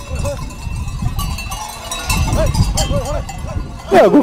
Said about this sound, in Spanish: En invierno hay aquí mucho ajetreo turístico, pero ahora todo lugar es para las ovejas. Los animales pasan la noche en rediles, descansando para el día siguiente.